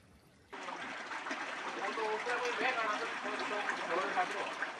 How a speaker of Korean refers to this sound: 마을 한가운데를 가로지르는 맑은 개울물은 윗마을과 아랫마을을 나누는 경계이자 메마른 골짜기를 적시는 소중한 생명수죠.